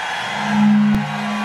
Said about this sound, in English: somebody bought a truck horn. Well, these folks in Cincinnati off the chain.